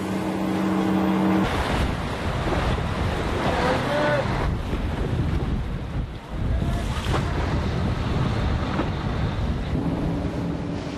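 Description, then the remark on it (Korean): A fishing boat races across open sea toward Marado, hurrying to reach the tide when yellowtail are caught. Its engine drone blends with loud, continuous wind buffeting and rushing water spray, steady throughout with no voices. “빠르게 바닷길을 달려가는데요.”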